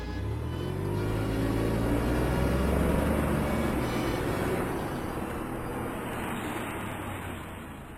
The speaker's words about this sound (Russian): Автомобиль медленно ехал по неровной горной дороге, и вокруг не было видно ничего, кроме очертаний серебристых гор на фоне звездного неба.